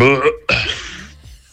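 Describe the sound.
A man lets out a loud, close burp: a short voiced croak followed by a longer, rough, breathy belch that trails off after about a second.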